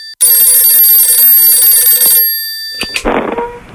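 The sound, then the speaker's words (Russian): A telephone rings loudly in one sustained two-second electronic trill as a call comes in, then stops; a sharp click and a brief clattering rustle follow, like a handset being lifted. “Вот это Наташа звонит.”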